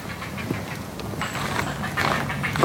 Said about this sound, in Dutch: Oh ja, daarachter gebeurt nog wat. Misschien zit er dan toch nog één. Aangezien hij weer de karakteristieke reiger kuikengeluiden maakt. Echt dat kwetteren zo.